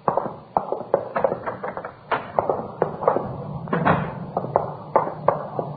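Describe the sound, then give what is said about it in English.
A door that connects to a coffee shop opens and closes amid a run of sharp knocks and clatters, with irregular wooden thuds and rattles spread across a few seconds, moderately loud, with no voices. “You can use that door right here. It connects to the coffee shop.”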